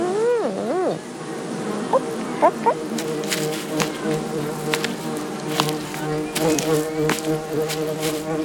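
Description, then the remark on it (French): Bees buzz steadily near beehives at the entrance of a park, a droning hum whose pitch wavers and swoops at first as one flies past, with faint clicks and ticks scattered through the sound. “À l'entrée du parc, il y a des ruches pour les abeilles.”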